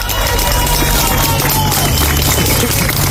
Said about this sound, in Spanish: Aplausos para celebrar un rescate después de 72 horas atrapado. Casi no lo esperaban.